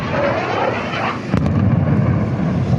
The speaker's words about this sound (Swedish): Ljudet av explosioner blandas med vågornas brus i staden, som annars är känd för sina långa sandstränder.